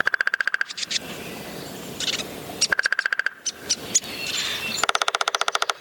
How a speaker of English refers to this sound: With a well-adapted body allowing it to pack a punch without feeling the blow itself, if anyone is going to get a headache from a woodpecker's activity, it's likely to be a nearby homeowner.